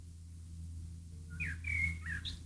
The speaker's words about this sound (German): Hört ihr den? Hier zwitschert die ganze Zeit vorm Studio wie verrückt ein Vogel. Ja, es ist fast schon ein bisschen aufdringlich.